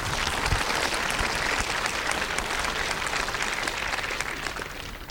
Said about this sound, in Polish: Wielkie brawa dla tych Państwa.